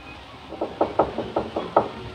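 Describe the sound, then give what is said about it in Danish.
A quick series of about seven knocks on a wooden door as a woman knocks again, evenly spaced and moderately loud, with a faint hum behind them and no voices. “så de hører ikke, hun banker igen.”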